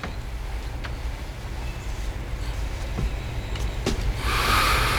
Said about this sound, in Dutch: Om die vrachtwagens te overstemmen, moet ik mijn stem een beetje naar beneden halen, heb ik al begrepen?